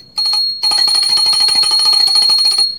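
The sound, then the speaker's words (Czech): A small, rare hand bell from Cimrman's estate rings rapidly and continuously for a couple of seconds, a bright jingling with a steady high tone, after a brief first shake and a short pause. “A teď už mi dovolte, abych zazvonil na tento vzácný zvoneček z Cimrmanovy pozůstalosti a řekl, jak se to v pohádkách říkává, tiše, pohádka začíná.”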